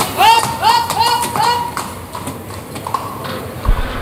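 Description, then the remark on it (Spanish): Horse hooves clip-clop in a steady, moderately loud series of sharp knocks across a bullring arena, with a brief tonal warble early on and a faint crowd murmur in the background. The horse is Bético, a black-coated horse with white madroño that has spent its whole life with Lea Vicens. “Bético, caballo que lleva toda la vida con Lea Vicente.”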